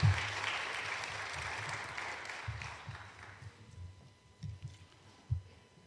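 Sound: audience applauding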